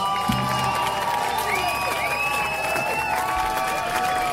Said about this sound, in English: they clapped. That was really great.